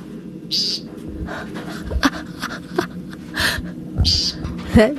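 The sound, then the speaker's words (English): An American woodcock gives several short, nasal, buzzy calls spaced a second or so apart, distinct over a low rumbling background with no talking. “The American woodcock.”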